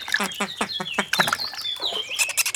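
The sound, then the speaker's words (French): A duck, Léonard the duck, quacks in a quick run of nasal, rhythmic calls, clear, while higher bird chirps and tweets twitter in the background; the duck is coming to dip its feet in a small pond. “Tiens, voilà Léonard le canard qui vient tremper ses pattes dans la mare.”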